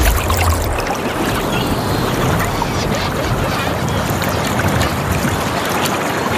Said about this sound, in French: Oui, les goélands, bien sûr. Bah, tiens, justement, la mer, les goélands.